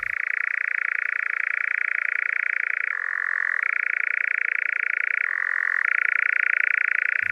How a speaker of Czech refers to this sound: To je cvrčení lelka lesního. Pro mě je tohleto zvíře a tenhle ten hlas spojen s borkovickými blaty u Veselí nad Lužnicí, kam jsme je jezdili před mnoha a mnoha lety poslouchat s tátou